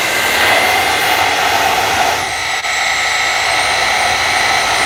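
A vacuum cleaner in auto mode, with a soft, velvety roller, runs steadily. It gives a loud, even whirring roar with a high whine that shifts pitch slightly partway through. No one speaks.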